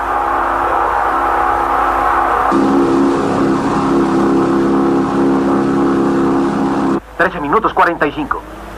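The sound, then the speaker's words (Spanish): Alan Dacy's racing car, driven like a bolide, roars at speed in a loud, steady drone, shifting to a higher, brighter pitch partway through, before the roar cuts off and a man begins speaking excitedly. “Alan Dacy, anunció que se retiraba de las carreras, pero ahora, por la forma en que tripula su auto, que parece un bólido, suponemos que obtendrá la victoria.”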